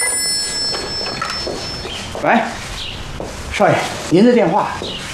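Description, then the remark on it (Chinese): A thin, steady electronic telephone ring sounds at the start, high-pitched and fairly quiet, then fades as voices speak over the rest of the moment. “喂，少爷，您的电话。”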